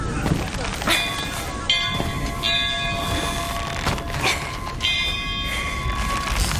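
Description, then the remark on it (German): A heavy weather bell, rung by pulling its rope, rings out in several uneven strikes, each clang leaving a long, humming resonance that overlaps the next, loud with a rough background. “Und kräftig läuten.”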